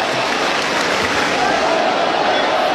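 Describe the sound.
A baseball crowd at a night game cheers in a steady, broad roar of many voices that holds at an even, fairly loud level throughout, with a faint rising tone surfacing partway through.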